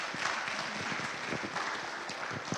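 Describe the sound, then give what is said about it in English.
An audience claps steadily to welcome a missionary couple who are about to share about their missionary work in Peru. The applause is a dense, even wash of many hands at a moderate level, with no voices breaking through, and lasts a few seconds. “Will you warmly welcome them with a round of applause?”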